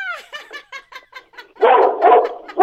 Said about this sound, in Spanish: Mira, hasta el perrito se emocionó. Se emocionó.